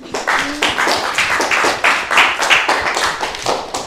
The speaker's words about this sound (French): Hey, on l'applaudit, hein.